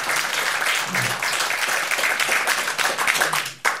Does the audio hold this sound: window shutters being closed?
no